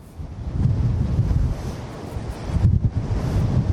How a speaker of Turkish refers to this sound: aslında sizin de bahsetmiş olduğu gibi Arnavutköy'de çok yüksek derecede bir rüzgar olduğunu söyleyebiliriz. Saatte 70 kilometreye kadar varan bir rüzgardan bahsediyoruz aslında. Bu da şiddetli dalgalara da neden oluyor.